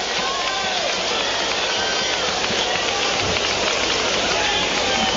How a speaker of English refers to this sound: We're starting to get some discoloration on the infield and a couple spots on the right side, it looks like, as the rain continues to fall.